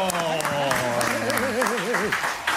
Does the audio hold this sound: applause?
yes